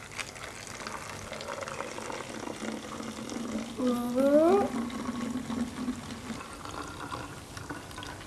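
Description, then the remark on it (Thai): Liquid streams into a bottle over a steady watery hiss; midway, a hollow resonant tone sweeps quickly upward in pitch for about a second as the bottle fills. “โอเคลักษณะเสียงก็ยังเหมือนเดิมเนาะก็คือเสียงแหลมขึ้นนะ”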